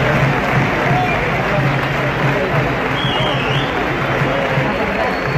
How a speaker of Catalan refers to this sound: L'actuació es va poder reprendre amb aplaudiments del públic.